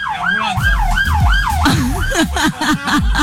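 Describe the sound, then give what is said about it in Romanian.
A loud ambulance siren wails, its rapid rising and falling tone cycling steadily before shifting pitch as it passes, over rumbling traffic noise. “Ambulanța.”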